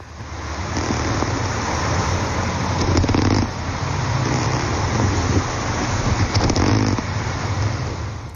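An underwater soundscape in the Baltic Sea, with porpoises, seals and fish contributing sounds: a steady low rumble layered with rough, pulsing grunts and purring bursts that swell and fade in a loose rhythm, with no voices.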